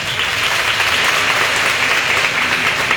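Sustained applause from an audience, a dense, steady wash of many hands clapping at a fairly loud, even level throughout, with no voices rising above it.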